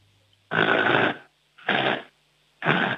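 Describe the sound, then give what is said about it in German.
A caller from Vorarlberg, Austria, imitates a piglet with three loud, rough grunting snorts, each about half a second long and evenly spaced, with silence between them and no talking. “Okay, dann hätte ich jetzt noch gerne, dass du mal grunzt wie ein Schweinchen.”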